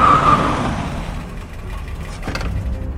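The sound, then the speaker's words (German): A car drives up to a garden gate late at night, its engine rumbling loudly at first and then easing to a quieter idle, with a short burst of noise near the end. No one speaks. “Genau in diesem Augenblick kam ein Auto herangefahren.”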